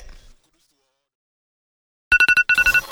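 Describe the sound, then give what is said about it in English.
After a stretch of near silence, a phone ringtone bursts in loud: a quick run of bright, repeating electronic tone pulses that keep going to the end. “Phone papa. Is he here?”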